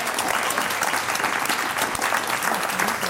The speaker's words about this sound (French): Voilà, comme ça, vous n'avez pas perdu de points, vous n'en avez pas gagné non plus parce que ça n'existe plus. Donc on vous applaudit pour l'effort.